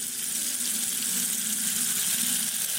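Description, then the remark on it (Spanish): Water runs steadily from a spout of a two-spout fountain in the sacristy of the cathedral in Palencia, Spain, a continuous splashing hiss that holds at an even level throughout, with no voices present. “Es curioso cómo se puede observar en la sacristía una fuente con dos caños.”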